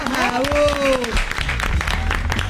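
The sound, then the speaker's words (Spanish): An audience claps in a dense, steady patter throughout, loud and continuous, while a voice calls out over it with a rising and falling tone during the first second. “Bueno, fuerte el aplauso,”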